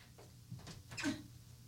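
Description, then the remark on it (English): A door opens or closes, with a short scrape followed by a brief, sharper knock-like sound. It is fairly quiet, and no one speaks. “I don't like that door.”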